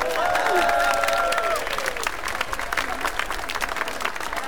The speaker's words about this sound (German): Super, ein Applaus für unsere Trommler vorne!